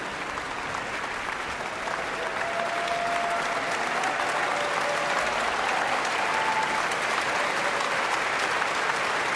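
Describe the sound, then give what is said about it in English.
A large concert audience gives sustained, dense applause in a standing ovation for a violinist, a steady wash of clapping that holds at full strength throughout with a faint whistle or cheer rising briefly above it. “Back again, …, and the standing ovation continues.”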